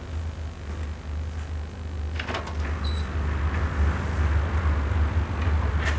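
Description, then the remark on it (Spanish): A motel room door is opened, with a few brief latch clicks and a creak over a steady low hum; no one speaks. “Se levanta, apaga el cigarrillo en un cenicero y abre la puerta de la habitación.”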